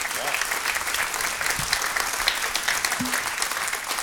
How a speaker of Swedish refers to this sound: Och stora applåder igen för bandet.